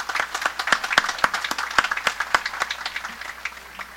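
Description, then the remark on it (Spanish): An audience claps steadily, dense overlapping handclaps with a few sharp louder ones, gradually thinning and fading out over a few seconds, applauding the comrades who marched with them in the streets. “A los compañeros que nos acompañaron en las calles, quiero que les extendamos también el saludo y un aplauso para esos compañeros que estuvieron ahí bajo el sol y bajo la lluvia.”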